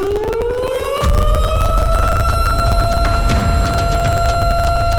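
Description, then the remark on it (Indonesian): A loud disaster warning siren rises in pitch over the first second, then holds a steady, sustained wail with strong harmonics and a constant low rumble underneath. No one speaks. “Yap, alarm bencana.”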